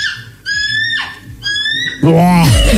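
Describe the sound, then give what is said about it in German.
A person imitates a bald eagle call so convincingly that bird identification apps take it for a real bird: two high, thin, piping cries in quick succession, followed by a louder, lower voiced squeal that bends down at the end, clear. “Ja, und so klingt ….”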